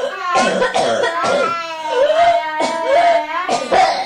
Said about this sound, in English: Coughing woman and a baby, all at the same time.